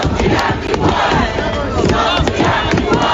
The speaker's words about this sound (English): In this update, hundreds of Wellingtonians have taken to the steps of Parliament to demand a response to new water bills.